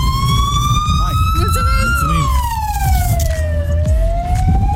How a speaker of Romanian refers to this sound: Am dat mai încet, am dat mai încet puțin când, că până trece ambulanța.